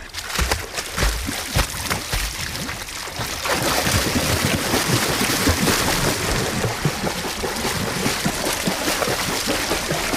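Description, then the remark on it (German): Someone jumps into swimming pool water: after a few seconds of light splashing, a sudden plunge gives way to loud, continuous churning and bubbling that lasts to the end, with no talking. “Wag ich auch mal den Sprung ins Wasser.”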